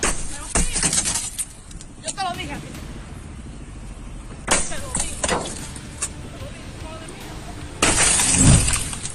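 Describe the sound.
A woman strikes a car window with several sharp smashing blows, glass cracking and shattering with each hit, ending in a loud, sustained crash of breaking glass; voices can be heard faintly in the background.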